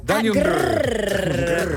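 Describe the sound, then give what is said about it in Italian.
A person imitates a growl with their voice: one loud, sustained, rough rumbling sound lasting almost two seconds, with no other speech. “dagli un grrr”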